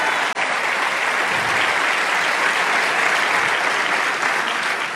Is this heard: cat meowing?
no